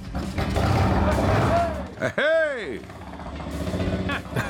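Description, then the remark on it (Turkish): A carbureted engine, its ignition turned and carburetor primed, catches on the first crank and settles into a rough, low rumble with no knocking, then revs up and back down in one rising and falling whine while a voice shouts over it. “İlk marşta çalıştığına inanamıyorum.”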